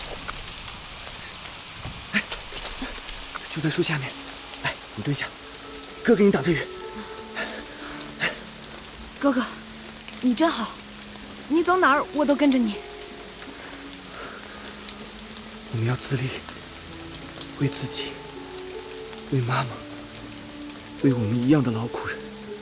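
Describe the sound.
Steady rain hisses continuously throughout, a dense patter, while voices speak intermittently over it.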